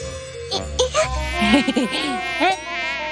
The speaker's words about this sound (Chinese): 蚊子。 好痒啊。要是冬天来了就没有什么蚊子了。